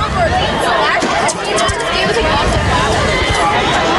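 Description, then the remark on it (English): A dense, steady roar of chatter from a packed crowd at a Ligonier High School game, many overlapping voices blending into a loud, continuous hubbub with no single speaker standing out. “A packed crowd, a packed area.”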